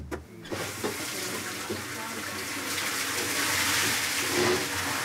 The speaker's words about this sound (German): Im Sommer läuft es dann über die Acequia, einen Graben, in ein großes Sammelbecken.